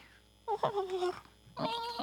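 A cat meows twice, a drawn-out, wavering cry followed after a short pause by a second, brighter meow that is cut off at the end.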